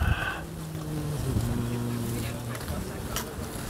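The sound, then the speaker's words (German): Strong, very gusty wind rushes and buffets the microphone with a steady low roar, while a droning mechanical hum sounds underneath for most of the moment, during a crane lift of metre-tall mountain pines being delivered for planting. “Also jetzt genau hier haben wir jetzt gerade schön sehr böigen Wind.”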